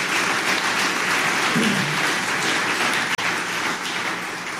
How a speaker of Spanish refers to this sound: Bien, den un aplauso fuerte, gloria a Dios, honre a los siervos de Dios.